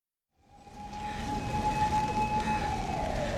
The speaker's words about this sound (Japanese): こんなにサイレンばっかり聞く街ないですよね。まあ救急車とかたまにね、なんかありますけど、こんなになんかパトカーとか巡回してないですからね。